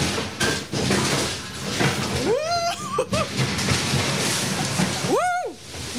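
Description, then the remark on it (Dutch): A steady, loud rush of splashing water roars throughout as a closed ride boat plunges down into a splash and a lot of water comes down, with two rising and falling screams cutting through the spray. “Oh, en er komt een hoop water naar beneden.”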